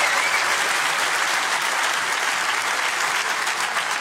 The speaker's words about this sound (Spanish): Y si tú lo crees, dale el mejor aplauso de este viernes al Rey de Reyes.